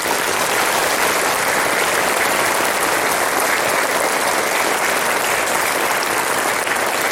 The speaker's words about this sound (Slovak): A to si zaslúži veľký potlesk.